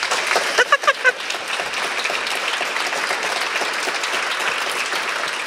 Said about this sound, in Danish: Der vil jeg da lige sniløbe der med en fed klapsalve, tak skal jeg, som sidder her og hygger sig rigtig godt.